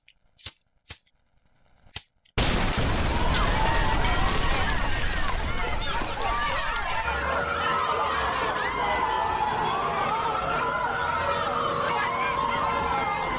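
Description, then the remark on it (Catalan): A few sharp cracks ring out before a traditional Sant Joan bonfire (foguera de Sant Joan) bursts alight with a loud, steady roar, while a crowd cheers and shouts throughout. “Doncs veurem com encenem aquesta foguera.”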